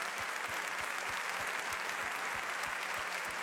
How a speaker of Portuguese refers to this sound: Que assim seja, assim diz a palavra do Senhor. Vamos aplaudir a Deus.